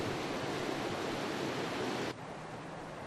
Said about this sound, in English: The waves make thunderous noises as they sweep away rocks. This is where the river begins.